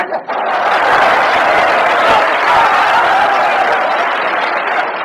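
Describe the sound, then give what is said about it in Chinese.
A crowd claps steadily and loudly for about five seconds, a dense, even wash of hand claps with a brief dip at the very start and no speech over it. “从观众的掌声就可以看得出来，对你寄予极大的希望。”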